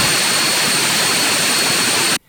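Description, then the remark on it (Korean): A 1,400-horsepower military turboprop aircraft engine, developed with domestic South Korean technology, runs at high power, a loud, steady roar with a bright whine on top, holding constant for about two seconds before cutting off abruptly. “1,400마력 터보프롭 엔진입니다.”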